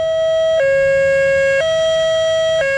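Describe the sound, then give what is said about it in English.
A loud two-tone high-low police siren from a patrol car, used by Jefferson, Clear Creek and Douglas counties to warn about evacuations and critical incidents, alternates steadily between a higher and a lower pitch about once per second with a buzzy, harmonic-rich tone, like European sirens. No voices are heard. “The high-low system is much like what you hear in Europe, emitting a distinctive high-low tone from patrol cars, unlike the sound of other sirens.”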